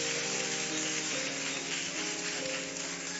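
An audience claps steadily throughout, a dense and continuous wash of many hands at a fairly even loudness, with faint sustained musical tones humming underneath.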